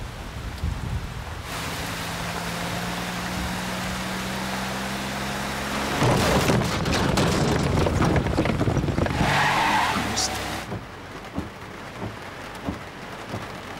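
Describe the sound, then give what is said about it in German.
A scooter engine hums at idle, then roars as it pulls away fast with screeching, skidding tires, loud before quickly fading into background noise. “Ich bin mit dem Roller da.”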